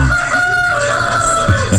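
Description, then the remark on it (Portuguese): A rooster crows in one long, drawn-out call that fills the moment, set against a steady background hiss of falling rain. “Não te apresenta muito galo, porque olha, com essa chuva.”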